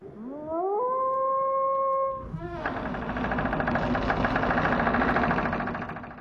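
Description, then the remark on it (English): A single long howl, from the film Wolf Creek, rises in pitch and holds steady for about two seconds, then cuts off as a loud, rumbling engine takes over and drones on to the end. “Yeah, I reckon that's Wolf Creek.”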